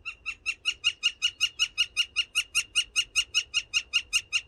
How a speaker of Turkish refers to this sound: Altın Ağaç Kakanı Magdalena Z, Kanada'da kaydetmişler. Ve eBird'ün kuş sesi ve görsel işitsel platformu Macaulay Library'sinde, kütüphanesinde paylaşmışlar.